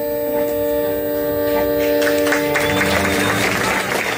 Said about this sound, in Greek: Χειροκρότημα του κόσμου από την εκδήλωση που έγινε στην Θήβα